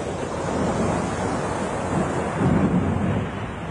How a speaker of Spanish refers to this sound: Olas gigantescas se levantaron. El bote bailaba de un lado a otro como si fuera de papel.